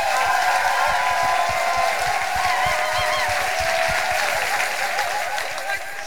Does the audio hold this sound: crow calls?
no